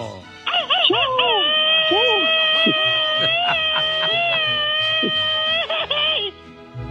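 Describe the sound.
A man lets out a Mexican machine-gun grito for the people of Guanajuato, a loud, high-pitched yell held for about six seconds with a rapid, warbling rattle through it, over a low murmur of background noise.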